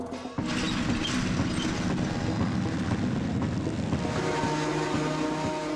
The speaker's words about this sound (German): Ich fahre sie jetzt da mit dem Trecker nach Hause, weil wir sind spät dran. Um mit dem Trecker nach Hause so gebracht zu werden, ja auch nicht schlecht.